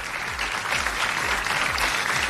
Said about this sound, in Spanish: démosle un fuerte aplauso a todo el jurado de los Pulsar, que tienen una tarea tan difícil.